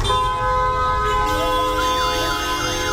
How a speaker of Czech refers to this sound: Totální chaos aut, taxíků, mikrobusů a oslých spřežení tady na křižovatce u mešity Saidi Aishi jasně vysvětluje, proč je hlukové znečištění Káhiry tak pekelné.